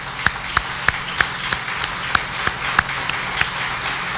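Sparse applause: about a dozen sharp, crisp hand claps at a loose, uneven pace, roughly three per second, moderately loud over a low steady background hum, with no talking.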